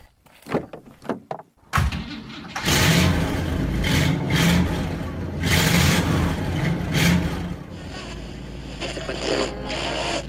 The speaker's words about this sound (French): Voilà, allez, on est en route avec notre grosse voiture.